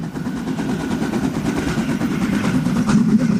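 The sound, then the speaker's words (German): A narrow-gauge steam locomotive of the Harzer Schmalspurbahn in the Harz, Germany, puffs hard through forests and mountains, its rapid, rhythmic chuffs coming in a steady stream of loud bursts over a low, rumbling undertone, with no voices. “Die Harzer Schmalspurbahn schnaufen sich da durch Wälder und Berge.”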